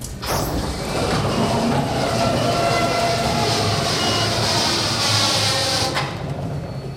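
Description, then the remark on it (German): A roll-up factory hall door at Rubner Holzbau GmbH in the south of St. Pölten, Lower Austria, rolling open: a loud, steady mechanical rumble and rattle lasting about six seconds, rather like a passing train or traffic, then easing off at the end. No voices. “Was nach Verkehrslärm klingt, ist doch eine Tür. Bei der Rubner Holzbau GmbH im Süden von St. Pölten, Niederösterreich, werden Fabrikstore nicht aufgeschoben, sondern aufgerollt.”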